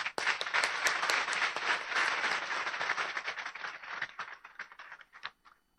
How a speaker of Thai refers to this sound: พี่น้องที่รักขอพี่น้องแสดงความยินดีกับผู้รับสินบวชเป็นพระสงฆ์ด้วยการปรบมือครับ